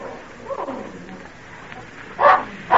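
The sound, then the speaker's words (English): A dog named Badger barks twice in quick succession near the end, sharp and fairly loud, after a stretch of soft, hissy background noise with no voices. “I've not heard Badger bark like that before.”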